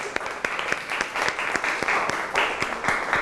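crowd, applause

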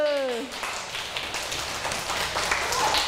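human body sound, hand clapping

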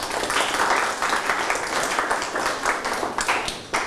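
crowd, clapping

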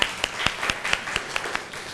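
crowd, classroom applause

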